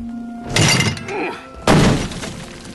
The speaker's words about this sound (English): The large man goes to the door and pulls it down.